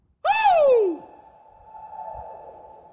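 A single loud vocal call slides downward in pitch, then a fainter ringing reflection lingers and slowly fades for a couple of seconds, like a voice echoing across open distance.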